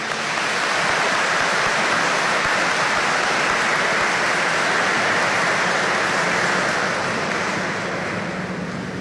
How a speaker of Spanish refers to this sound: Tiene la edad de 94 años y está aquí presente. Un aplauso, por favor.